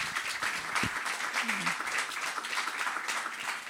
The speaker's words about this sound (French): Bravo encore à vous. On peut peut-être applaudir nos deux intervenantes.